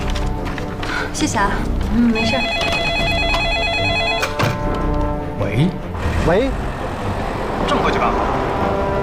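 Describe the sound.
A mobile phone rings with a steady electronic ringtone for a couple of seconds, fairly clear over a busy background of shuffling movement and voices.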